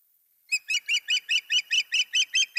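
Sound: osprey call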